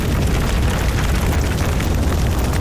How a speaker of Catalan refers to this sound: Si pensam en un incendi forestal i això que sentiu, el foc que crema, les cendres, el residu de la tragèdia, aquell mantell negre que queda quan el foc s'apaga.